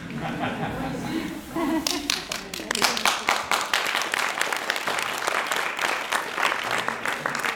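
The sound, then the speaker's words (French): After a brief murmur of voices, an audience breaks into applause for two young performers presenting an act of unicycle, guitar and juggling, with many hands clapping in a dense, steady patter that continues strongly to the end, some chatter mixed underneath. “et on peut les applaudir, mais pas tout de suite, parce qu'ils sont en train de ranger là.”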